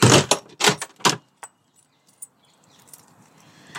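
Keys jangle loudly in three quick bursts, followed by a sharp click like a door latch, then faint shuffling and soft background noise, as someone puts their shoes on and leaves the house through the door.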